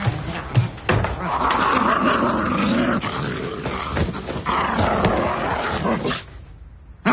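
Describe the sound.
A person growls like a dog, a long, rough, continuous rumble held for about six seconds, loud, then cutting off into near silence.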